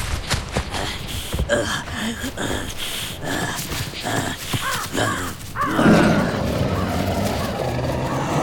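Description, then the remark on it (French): A saber-toothed cat charges at its prey, a macrauchenia, its heavy footsteps thudding beneath rough grunts and snarls, building into a loud, rushing surge near the end. “Le tigre fonce à une vitesse impressionnante, malgré la lourdeur de ses pas.”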